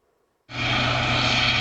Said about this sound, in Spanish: Con este sonido se despertaban la pasada noche los vecinos del Rompido, en Huelva. Un helicóptero de la Guardia Civil seguía 2 embarcaciones relacionadas con el narcotráfico.